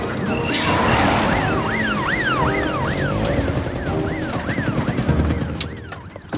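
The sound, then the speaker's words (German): A police siren wails in a rapid rising-and-falling pattern, loud at first, then fading slightly amid dense traffic rumble as the police car comes up behind a car and drives past. “Außerdem rangiere ich doch jetzt hier nicht rum, wenn die Polizei mit Sirenen hinter uns ist.”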